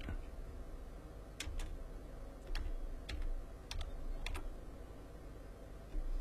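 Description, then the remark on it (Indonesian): Irregular clicks of someone at home typing an answer on a computer keyboard, a steady patter of keystrokes with a few sharper taps, moderately quiet over a low background hum. “Terangah ada orang yang mengetik jawab di rumahnya.”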